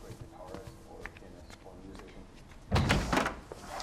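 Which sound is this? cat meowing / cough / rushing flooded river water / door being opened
door being opened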